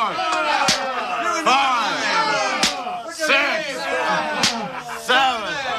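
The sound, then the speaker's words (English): Officers' rods strike the bare backs of Paul and Silas, tied to posts, as a mob yells. Sharp, cracking blows land on bare flesh about five times at uneven intervals, each a loud slap cutting through a constant din of shouting, yelling voices. “Rod struck backbones, ribs, and shoulders.”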